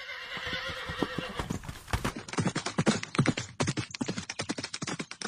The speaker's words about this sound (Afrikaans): Die soldaat hoor die perd agter hom nader kom. En hy weet dadelik, dit moet die man wees wat hom agtervolg om sy geld terug te kry.